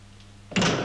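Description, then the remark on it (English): A low steady hum gives way to a door closing, which closes an electric circuit: a sudden, loud mechanical rush that cuts in abruptly and holds its noisy grind to the end, with no talking. “Watch the door you came in.”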